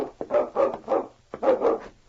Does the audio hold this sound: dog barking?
yes